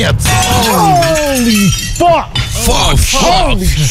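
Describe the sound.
The glass pane of a vivarium shattering loudly as a python breaks out, a bright, crackling burst, mixed with excited voices crying out over the noise through most of the few seconds.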